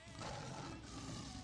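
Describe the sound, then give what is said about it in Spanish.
A lion's roar, loud, a rough sustained growl filling the whole moment with steady intensity and no voices over it. “Con el rudo de leones.”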